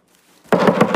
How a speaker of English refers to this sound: Suddenly, there's a knock at the door, and Job normally is not interrupted by any of the servants, but this messenger has something worth interrupting to say.